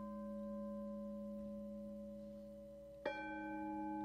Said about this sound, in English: We'll listen to sounds made from circles. You just heard you're hearing now a Tibetan gong.